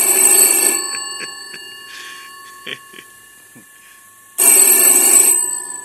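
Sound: telephone ringing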